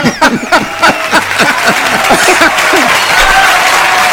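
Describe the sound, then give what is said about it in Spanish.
Audience applause, a dense steady patter of many hands clapping that swells and holds loud throughout, with some voices and faint laughter mixed in at the start. “¿Usted quiere que esos aplausos son para mí?”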